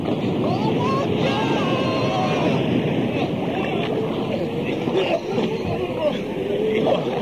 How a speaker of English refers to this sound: Never been in a storm like this. Heave on those oars. We must find a cove quick. Heave. Heave. Listen to that wind.